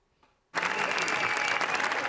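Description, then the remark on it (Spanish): After a brief hush, a large theatre audience at the Grand Théâtre Lumière at the Cannes festival breaks into a standing ovation for the premiere of Los Javis' film La bola negra: loud, dense applause, a thick steady wash of many hands clapping that holds without letup, with no voices standing out. “Ovación histórica en Cannes para los Javis por el estreno de La bola negra.”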